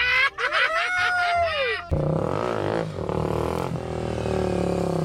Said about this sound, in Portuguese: É, eu chamo a moto no grau. E o que que tem? Eu levanto a roda dianteira do chão e fico equilibrado numa só roda.